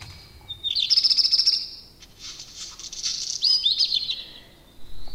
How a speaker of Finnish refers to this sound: Määritin sen mustaleppälinnuksi, vaikka en oikein itse tahtonut uskoa siihen. Ajattelin, ettei kokematon lintuharrastaja voi noin vain löytää mustaleppälintua. Se tuntui silloin aivan liian harvinaiselta havainnolta.